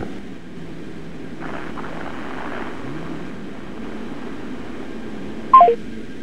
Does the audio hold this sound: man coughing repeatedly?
no